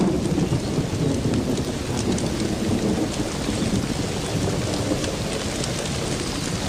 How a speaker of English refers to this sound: The downpour does little damage to the earthen mounds. The bee saliva is waterproof, and the nest below ground will stay dry.